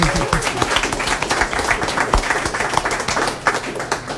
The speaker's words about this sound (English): And if you're not tired of clapping, and you shouldn't be, give yourselves and everybody else a wonderful hand.